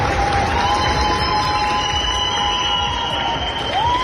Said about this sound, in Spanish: Grupos de España, Chile, México, Estados Unidos, solo por citar algunos, se marchan con la satisfacción de haber puesto su grano de arena, y en el aeropuerto los ciudadanos se lo agradecen con una gran ovación.